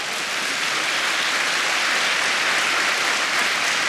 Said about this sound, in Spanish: Vamos a dar un aplauso al Señor por eso.